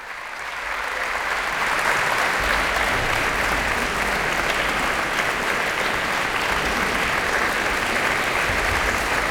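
A concert audience applauds steadily after a performance of Franz Schreker's Chamber Symphony by the musicians of the Orchestre Philharmonique de Radio France under François Leleu, who has the musicians stand one after another. A dense, continuous wash of clapping swells in the first second or two and then holds at a loud, even level with no talking.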